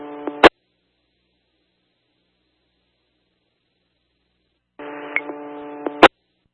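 Two buzzy electronic telephone busy tones, a short one and then a longer one after a few seconds of silence, each cut off by a sharp click. No one speaks.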